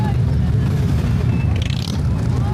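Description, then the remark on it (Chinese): About 60 motorcycle engines roar in a loud, continuous low rumble that holds steady throughout, with a brief higher whine rising partway through, as the bikes speed along autumn-coloured mountain roads at the 2026 Harbin Wuhua Mountain autumn-viewing event in Heilongjiang, China. “随着引擎轰鸣，60台炫酷机车在层林尽染的山道中飞驰”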